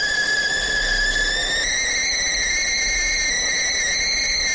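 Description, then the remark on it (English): A kettle heated for a cup of tea whistles in one long, steady, high-pitched shriek with piercing overtones, its pitch rising slightly early on before holding firm for several seconds, loud and unbroken with no voices. “It's one heck of a whistle there.”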